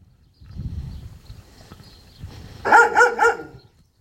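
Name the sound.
dogs barking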